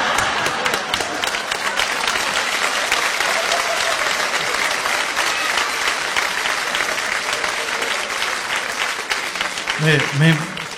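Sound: audience applause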